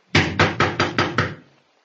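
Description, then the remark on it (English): Six firm, evenly spaced knocks on the wooden door of a house, loud, each with a solid low thud, followed by a brief fading silence. “You going to knock?”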